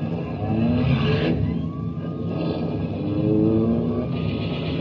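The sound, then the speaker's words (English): A police prowl car's engine revs hard and loud in a chase, its pitch climbing in repeated surges over steady road rumble. No voices are heard. “Hey, Charlie, a prowl car! Yeah, come on, Mike. Let's get out of here.”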